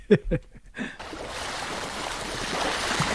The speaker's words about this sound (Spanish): Olas. Muy bien, correcto. Olas, el mar, sí, muy bien.